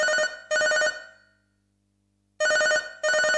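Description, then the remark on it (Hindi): A telephone rings for the next incoming call on the Yuva Jagat phone-in programme, in two short double bursts separated by a pause of about a second and a half, loud, with no voices. “चलिए बढ़ते हैं अगले कॉल की ओर।”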